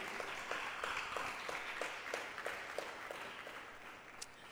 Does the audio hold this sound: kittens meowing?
no